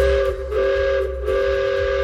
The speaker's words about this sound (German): So klingt's jetzt endlich wieder im Achertal im Schwarzwald. Ehrenamtliche Helfer haben's geschafft, dass hier nach vielen Jahren wieder ein Dampfzug fährt.